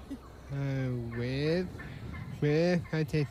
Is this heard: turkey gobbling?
yes